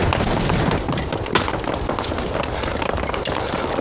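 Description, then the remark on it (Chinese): Thinning gunfire during a battle: scattered gunshots crack over a constant rumbling background, one sharper report standing out midway, with a few fainter pops around it and no voices. “老爷，嗯，你听，这枪声稀了不少。”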